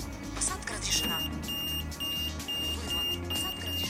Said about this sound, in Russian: А потом, активировав звуковой маяк, найти нужную дверь.